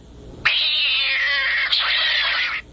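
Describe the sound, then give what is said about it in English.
Gato, the studio cat at radio station KFOK, lets out one long, loud meow, a drawn-out yowl lasting about two seconds that briefly dips midway before trailing off. No one talks. “And, of course, the studio cat, Gato.”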